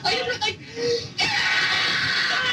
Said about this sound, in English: That's me screaming.